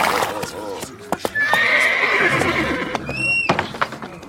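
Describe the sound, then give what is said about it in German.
A unicorn neighs: a horse-like neigh rises into a long, shrill whinny with trembling high harmonics, ending in a few sharp upward squeals, over scattered hoof clops and background voices. “Aber es ist ein gefährliches, wildes Tier.”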